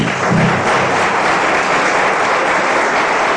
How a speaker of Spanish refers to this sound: ¿Cuántos dicen gloria a Dios? ¿Le puede dar un fuerte aplauso al Señor?